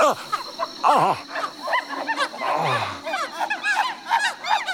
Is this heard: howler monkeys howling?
yes